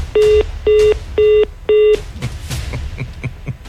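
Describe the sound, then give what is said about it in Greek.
Four evenly spaced telephone keypad tones beep in quick succession, each a short steady electronic tone, as someone struggles with the telephone, followed by a noisy, clattering background with faint tapping. “Από δεν την άκουγες, πάλευε με το τηλέφωνο.”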